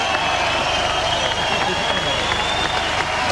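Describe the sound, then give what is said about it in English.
A large outdoor crowd at an Olympic medal ceremony cheers and claps steadily as the bronze medal for Australia is announced, a dense wash of applause and voices filling the space at a loud, constant level throughout. “That's the crowd that I could see. It's a good crowd, the outdoor setup.”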